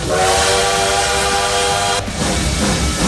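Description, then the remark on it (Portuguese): A loud steam train whistle blows a sustained, harmonically rich tone for about two seconds, then cuts off into hissing steam and rumbling rail noise, with no voices. “O Trem Bala tá aí, ó.”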